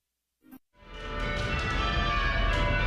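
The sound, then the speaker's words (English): After a brief clunk, heavy bells in the bell tower on the Kalamazoo College campus start pealing loudly, each bell rung by a person controlling its rope. They keep ringing in a dense, overlapping wash of metallic tones that sustains to the end, with no voices. “When the bells ring on the Kalamazoo College campus, it takes strength and teamwork.”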